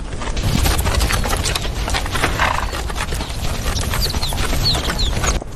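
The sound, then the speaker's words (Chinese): Hooves pound the ground in a steady, dense clatter as a group of Tibetan wild asses gallops past, with faint high chirps near the end. “西藏野驴腿部粗壮，有极强的耐力，长距离奔跑，一天能行进数十公里。”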